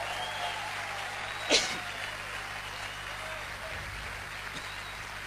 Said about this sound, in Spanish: Si le vas a aplaudir, con fuerza.